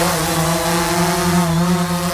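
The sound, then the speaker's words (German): A steady, droning buzz of several drones flying back and forth between Kupferdreh and Huttrop, a loud mechanical whine with a low hum beneath it, wavering slightly in pitch as they move, with no voices. “So könnte sich das anhören. Da fliegen nämlich einige Drohnen hin und her und einige Radio Essen-Hörerinnen und Hörer haben uns gefragt, was es damit auf sich hat.”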